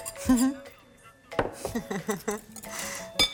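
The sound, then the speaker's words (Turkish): A knife is picked up from among dishes while cooking, with a couple of sharp metallic clinks and clatters, while a voice talks in Turkish. “Ben bu bıçak alayım.”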